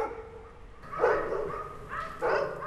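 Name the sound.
dogs barking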